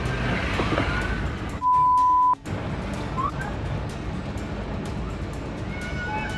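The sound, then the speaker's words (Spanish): A loud, steady roar of rushing floodwater fills the street from start to finish. A brief electronic beep cuts in near the beginning. “Las lluvias habían azotado la zona fuertemente y algunas calles de San Bernardino estaban convertidas en ríos caudalosos.”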